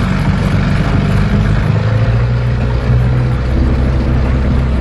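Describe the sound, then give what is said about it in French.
A motorboat engine drones loud and steady from start to finish, a constant low rumble with a rushing wash layered on top and no voices, as the boat travels a few minutes on the St. Lawrence River to reach a sailboat. “Quelques minutes en canot à moteur et nous voilà déjà à bord, sur le fleuve, dans un autre monde.”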